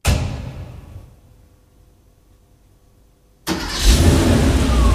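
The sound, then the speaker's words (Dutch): A car engine turns over and fades to near silence. After a pause it abruptly catches and roars loudly as the car is pushed, then runs steadily. No voices. “Oeh, starten. Duwen. Daar gaat-ie.”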